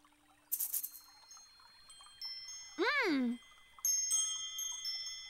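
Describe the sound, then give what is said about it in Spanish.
Noisy little bells jingle in a quick, bright shimmer, then ring out with sustained high tones after a short swooping vocal cry, all clear. “¡Son las campanillas ruidosas!”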